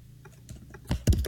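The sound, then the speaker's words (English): Several quick keystrokes clatter on a computer keyboard as a live radio caller in Ukraine types, a few light taps followed by heavier, louder clicks near the end, with no voices. “Oh, he's typing something.”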